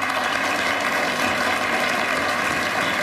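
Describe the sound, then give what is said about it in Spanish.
Steady audience applause welcoming a comedian on the Cadena SER radio show Hoy por Hoy fills the whole stretch, a dense, even wash of many hands clapping at a constant loudness, with no voices over it. “Reciban con un fuerte aplauso a una chica muy divertida cuyo nombre querrán recordar.”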